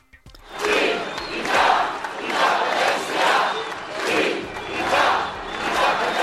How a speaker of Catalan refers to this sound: És el crit unànime repetit a la gran manifestació als carrers de Barcelona que aplegà milers de persones convocades per Òmnium i l'Assemblea Nacional Catalana amb la participació de totes les formacions independentistes.